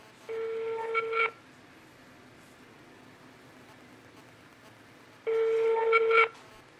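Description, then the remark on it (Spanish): An outgoing phone call, dialed directly to a neighbour, rings back twice, each steady electronic ring tone lasting about a second, separated by a long pause over a faint background hum. “¿Le están marcando directo? Debe, sí, o por WhatsApp. Directo.”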